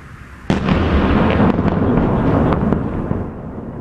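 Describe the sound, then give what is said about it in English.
A sudden loud explosion erupts as Russian missile strikes hit apartment buildings in Kyiv, Ukraine, followed by a sustained heavy rumble with several more sharp blasts cracking through over a few seconds; no voices are heard. “In Kyiv, explosions could be heard as strikes hit a number of apartment buildings.”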